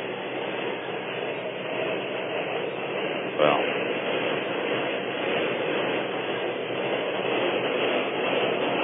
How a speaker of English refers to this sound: I shouldn't have to stop talking, but I am because of the loud subway noise overhead.